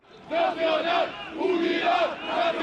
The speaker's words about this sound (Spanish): En pleno siglo XXI en España se siguen realizando manifestaciones franquistas con simbología y gritos en favor del dictador.